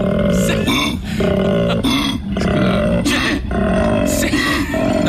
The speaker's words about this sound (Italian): Forse è un koala vero. È un koala, sembra un cugni, scusa. Sembra un cervo.